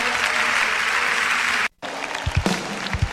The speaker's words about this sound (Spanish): darle el mejor de los aplausos.